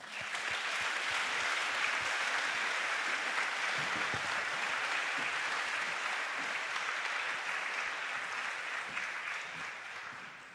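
Sustained audience applause at a panel event as the floor is handed to a speaker, a dense crackle of many hands clapping at steady loudness for about ten seconds, fading slightly at the end, with no voices over it.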